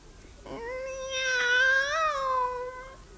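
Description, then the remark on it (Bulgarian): A single long, drawn-out cat meow, fairly loud, rising and wavering in pitch before trailing off, with no talking around it; the cat has one blue eye and one black eye. “Тя не е обикновена котка.”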